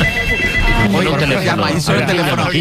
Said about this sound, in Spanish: La cosa es que ha sonado un teléfono en la radio. Ah, claro. Es verdad, es verdad. Y nos ha sorprendido que sonara un teléfono a las 6 de la mañana.